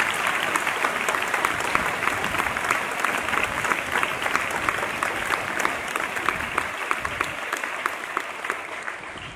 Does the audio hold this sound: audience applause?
yes